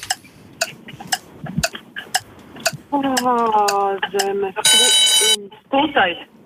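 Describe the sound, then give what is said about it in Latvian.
A quiz timer ticks steadily in sharp, evenly spaced clicks during a geography question, then voices come in and a loud, bright bell rings for about a second before fading out. “Nu tāds līdz ar zvanu, principā, jau durvis aizvērās.”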